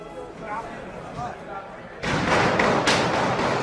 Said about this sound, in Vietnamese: Những tiếng súng nổ chát chúa bất ngờ vang lên và Tổng thống Mỹ Donald Trump lập tức được sơ tán, và nước Mỹ thì một lần nữa rúng động vì bạo lực súng đạn.